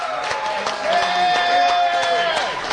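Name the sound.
audience applause and cheering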